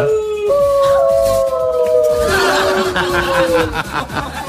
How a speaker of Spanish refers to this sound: Ahí están los lobos, ¿ah? ¿Eh? Los lobos.